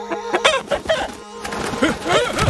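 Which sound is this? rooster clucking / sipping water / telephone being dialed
rooster clucking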